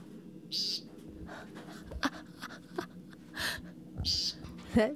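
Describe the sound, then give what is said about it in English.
Two short, nasal, buzzy calls of an American woodcock sound a few seconds apart, each fairly loud and clear over a low, rustling outdoor background with a few fainter chirps between them. “The American woodcock.”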